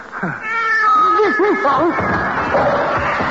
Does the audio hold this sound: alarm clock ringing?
no